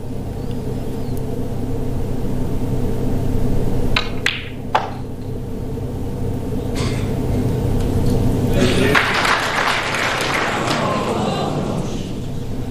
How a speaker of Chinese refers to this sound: 对，这个掌声有一点戛然而止啊